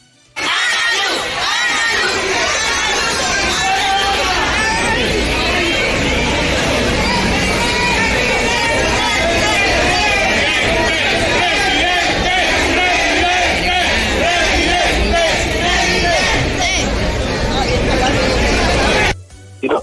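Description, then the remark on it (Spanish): Hundreds of supporters welcoming candidate Abelardo on his arrival in the capital of Atlántico cheer and shout continuously, a dense roar of many voices with chanting and yelling sustained at a loud, steady level for nearly twenty seconds. “Al llegar, Abelardo no dio ninguna declaración oficial, pero este fue el recibimiento que tuvo de parte de cientos de simpatizantes que incluso rodeaban al esquema de seguridad bastante amplio del candidato.”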